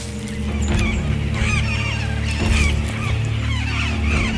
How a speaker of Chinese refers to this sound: 美洲棕尾狂能直接从空中抓走一只鹦鹉，但是来自哨兵的警报让鹦鹉群迅速逃离。